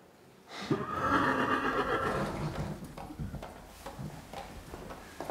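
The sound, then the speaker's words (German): A rescued horse whinnies loudly in a long, wavering neigh, followed by snorting and a few hoof clicks and shuffles on a hard floor. “Dein Bruder sollte dir die Füße küssen, dass du das Pferd gerettet hast.”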